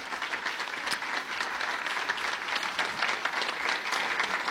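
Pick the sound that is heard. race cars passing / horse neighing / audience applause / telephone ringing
audience applause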